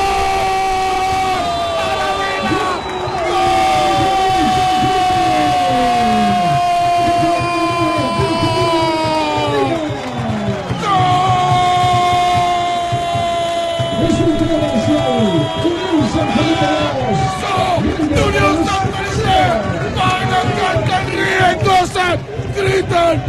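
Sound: stadium crowd shouting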